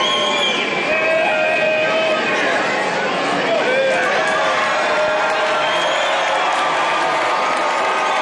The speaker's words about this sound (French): sous les acclamations de la foule, le pape Léon XIV qui vient de se présenter à son pupitre